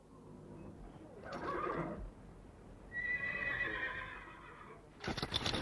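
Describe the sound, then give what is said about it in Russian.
At a stable in the dark early morning, as horses are being harnessed, a horse whinnies in a long, wavering neigh, with a shorter snort before it, while hooves shuffle and thud; a sharper clatter closes the moment. “И вот когда утром я подошел к конюшне, Питер запрягал лошадей.”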